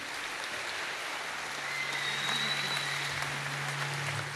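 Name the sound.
audience applauding the orchestra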